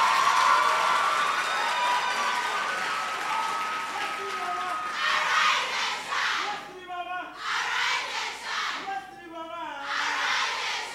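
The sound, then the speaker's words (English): A debate audience claps steadily in a loud, dense wash of applause, with shouts and whoops of cheering rising over it and a few brief dips in the noise before it swells again. “You want to clap, clap. You want to make noise, make the noise.”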